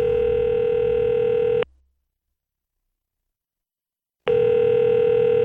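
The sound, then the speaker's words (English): A telephone call ringing on the line as a young man calls his girlfriend's father from a bathroom: a steady, loud electronic ring tone plays for about a second and a half, cuts to silence, then starts again. No one speaks. “and I grabbed the phone and took it into the bathroom where I called my girlfriend's dad, a Christian, but a man who didn't even like me.”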